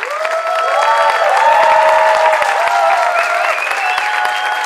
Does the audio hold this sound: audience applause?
yes